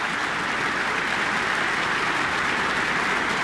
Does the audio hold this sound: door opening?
no